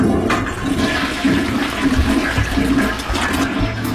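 A toilet flushes, a loud, steady rush and gurgle of water that carries on for several seconds with no voices over it.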